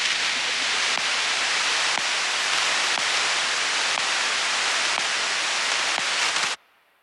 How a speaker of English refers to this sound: And then, of course, you wouldn't know what they were transmitting. Nobody could decode it. To everyone and everything other than the computers receiving the instructions, data sounds like nothing. Maybe some static, just blips between computers.